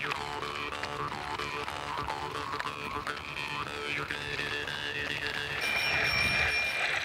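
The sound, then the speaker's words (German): A mobile phone notification announcing a new quiz question rings out as steady, bright high tones near the end, while riding through a floodplain forest near Helmeringen, over a dense, busy background of warbling and chirping sounds that fills the whole clip. “Ach, mein Handy hat sich gemeldet.”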